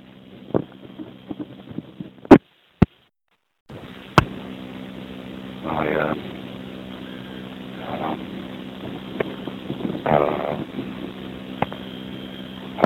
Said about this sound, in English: But so walking around on a very windy morning, windy afternoon, and I saw that there was sun out.